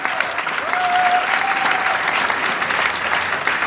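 Steady, dense audience applause fills the whole stretch, a broad crackle of many hands clapping at even loudness, with a faint high tone drifting briefly through the middle.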